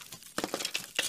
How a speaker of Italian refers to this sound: Ma che cos'è questo rumore di scricchiolio?